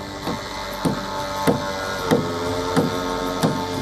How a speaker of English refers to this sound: Beneath a pale summer sky, the coastal neighborhood echoes with the rhythmic hammering of nails and the whine of saws.